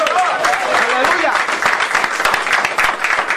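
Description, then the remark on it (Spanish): An audience applauds the Lord loudly and steadily for several seconds, dense clapping filling the whole clip, with voices calling out over it near the start. “Denle fuerte aplauso al Señor.”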